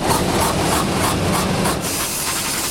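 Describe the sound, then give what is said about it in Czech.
A 70mm IMAX film projector runs in the IMAX projection booth at Flora in Prague with a loud, steady mechanical roar and hiss, overlaid by a fast, regular clattering pulse that fades out toward the end. The print is Christopher Nolan's three-hour film The Odyssey, on metal rollers and a steel platter. No one speaks. “Na první poslech by podle zvuku mohla promítací kabina IMAXu připomínat autodílnu.”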